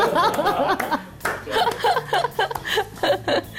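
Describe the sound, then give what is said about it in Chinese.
A run of sharp hand claps at an uneven pace, mixed with chuckling laughter and bits of voice throughout. “我要给你拍拍手。”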